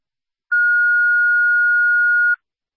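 A dispatch radio paging alert tone: one steady, high electronic pitch held for nearly two seconds, loud and clean, starting and stopping abruptly with no voices around it.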